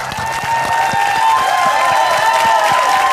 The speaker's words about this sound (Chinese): 另外呢，还有我们现场来自各个俱乐部的朋友们，同样把掌声送给他们。